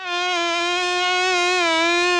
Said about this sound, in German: Ah, Drecksviecher, jetzt hat mich schon wieder was gestochen. Lauter Mucken im Schlafzimmer.